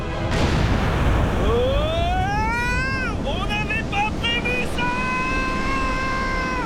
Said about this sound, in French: L'explosion a provoqué un énorme raz-de-marée.